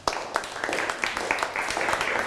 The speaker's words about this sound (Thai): นั่งลงปรบมือให้เพื่อนหน่อยครับ